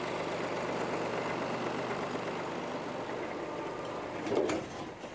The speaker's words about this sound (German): Er muss seinen Trecker zum Mutschenhof bringen.